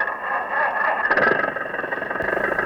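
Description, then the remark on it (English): A car engine hums steadily with a brief rise in revs partway through, a continuous mechanical drone as the car drives off up a beach. No one speaks. “And he laughed as he drove in his car up the beach.”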